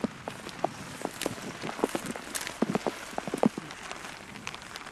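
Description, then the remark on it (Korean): Rain patters steadily on a one-of-a-kind raincoat worn while pulling weeds in a front yard, a dense scatter of soft irregular taps and occasional sharper drops, with no one speaking. “이것도 옷에서 나는 이 빗소리가 있잖아요.”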